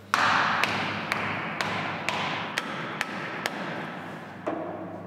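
A hammer drives wedges with relatively great force into a solid block of explosive, about nine sharp, evenly spaced strikes, roughly two per second, over a steady low rumble of background noise. No one speaks.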